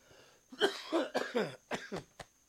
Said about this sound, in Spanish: Ay, esta tosecita como cae gorda.